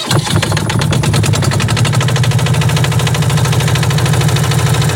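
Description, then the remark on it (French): A small boat engine starts up and chugs steadily right away, a loud, rapid mechanical putter with a deep throbbing rumble that continues without pause and with no talking, as the boat sets off to sail into the bay of La Ciotat. “Eh bien, on va l'utiliser tout de suite parce que vous allez voir, on va démarquer la Fourmigue en direct.”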